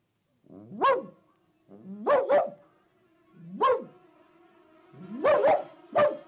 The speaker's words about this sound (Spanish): Aquella sombra se detuvo a unos metros de distancia del gatito y olfateó el aire. ¡Era un perro!